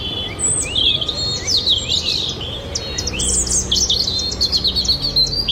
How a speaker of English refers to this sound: What do you reckon? No chance. No, it's a robin. I thought is it was a robin? It's a robin, yeah. I thought thrush, but it's a robin.